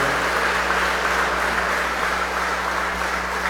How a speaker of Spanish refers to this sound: Nos ponemos en pie para recibir la bendición del Señor. Regalémosle nuevamente un fuerte aplauso a la imagen de la Sagrada Familia de Nazaret.